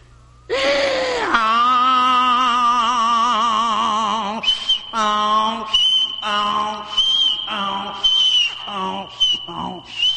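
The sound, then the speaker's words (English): Someone loudly imitates a braying mule, like a mule at home that brayed every morning about 5 o'clock: a long, strained, high wail that then breaks into a run of choppy, rising and falling hee-haw bursts, with no talking. “Fellas, I tell you, we had a mule there at home, and, you know, every morning about 5 o'clock, he'd take off, you know, wake us up, and in the evening about, well, 5 o'clock again, go something like this.”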